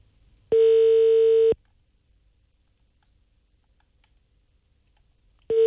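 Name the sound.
telephone call ringing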